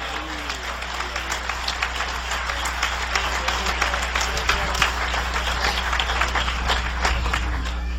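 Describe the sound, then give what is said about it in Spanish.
A church audience applauds for the Lord during a sermon, clapping steadily for about eight seconds, a dense, even wash of many hands clapping at once over a low constant hum, with no one speaking. “Si es para el Señor, dale fuerte ese aplauso.”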